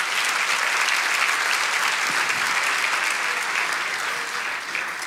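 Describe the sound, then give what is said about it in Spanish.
An audience applauds the Lord steadily, a dense, even wash of clapping that holds strong throughout and eases off slightly at the very end, with no voices standing out. “Vamos, si lo crees, dale ese aplauso al Señor.”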